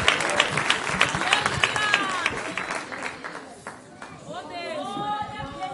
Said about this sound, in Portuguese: Palmas para o Senhor Jesus.